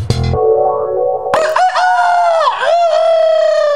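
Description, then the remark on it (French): A rooster crows once, loud, opening with a short rough burst before breaking into a long, strained, wavering cock-a-doodle-doo that holds to the end. “Je vais vous raconter l'histoire d'un coq dans une basse-cour qui se regardait dans un miroir au moins 50 fois par jour.”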